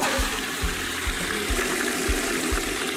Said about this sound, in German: Ihr denkt gerade, hat jemand die Klospülung benutzt? Vielleicht, es könnte aber auch ein Papagei gewesen sein. Einige Arten können rauschende Klospülungen nachahmen, genau wie Klingeltöne und Menschenworte.